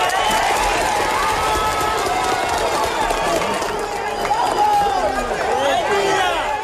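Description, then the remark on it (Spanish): A loud crowd cheers and shouts continuously, many overlapping voices rising and falling, with scattered clapping mixed into the steady roar, applauding a life saved by rescuers about 40 hours after a devastating earthquake. “Cada vida salvada le suceden aplausos y vítores 40 horas después de un terremoto devastador que cuenta todavía cientos de desaparecidos en ciudades como Pereira,”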